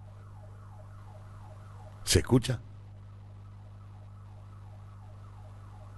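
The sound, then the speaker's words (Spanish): A neighborhood alarm siren in Buenos Aires, set off when a robbery is happening in the neighborhood, wails steadily in repeating rise-and-fall cycles, moderately faint over a low hum, while a voice briefly asks a short question partway through. “Esas son las alarmas vecinales cuando están robando en el barrio.”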